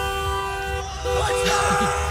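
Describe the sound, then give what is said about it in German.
Several car horns honk over one another in sustained, overlapping toots, with a steady street rumble beneath and some muffled voices mixed into the noisy night traffic; cars driving through a German town in the night to Sunday after Germany's World Cup win. “Da waren nämlich in der Nacht zu Sonntag noch etliche Autos unterwegs.”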